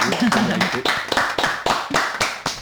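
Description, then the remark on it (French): A small studio audience in the Welcome studio of Radio Cause Commune 93.1 FM applauds a live song performance with steady, evenly spaced claps, briefly joined at the start by a man's voice talking over them. “Le studio Welcome. Numéro 1 de Radio Cause Commune applaudit.”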